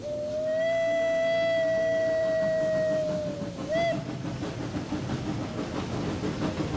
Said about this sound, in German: Aber unsere Dampflok schnauft unbeirrt durchs Tal.